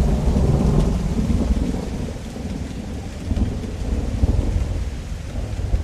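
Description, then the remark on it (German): Steady rain pours down over a boat under dark November clouds while low, rolling thunder rumbles continuously underneath, a heavy stormy wash with no voices, loud throughout. “Regen und dunkle Novemberwolken hängen über dem Boot und auch an Bord herrscht keine gute Stimmung.”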